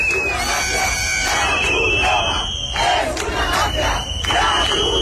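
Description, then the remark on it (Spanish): A dense, agitated crowd shouts in unison, chanting «La Cruz Roja es una mafia» while trying to block Red Cross trucks carrying water and food for immigrants; voices rise and fall in loud, rhythmic chant-like bursts, with a steady roar of many people filling the background throughout. “El grupúsculo ha intentado bloquear el paso a camiones de la Cruz Roja que transportaban agua y comida para los inmigrantes al grito de «La Cruz Roja es una mafia».”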